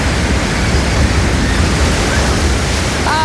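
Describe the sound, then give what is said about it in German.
A steady, full wash of surf noise rolls on without pause, like waves breaking continuously along a shore, fairly loud with no voices. “wir sind nicht rausgezogen ans Meer. Nein, leider nicht. Aber es ist doch wunderschön, das zu hören.”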